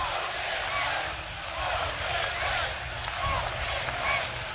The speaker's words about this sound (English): In a moment, you're about to hear the roar of the crowd as the Huskers getting ready to take the field behind the junior from Halstead, Kansas, Ty Horn.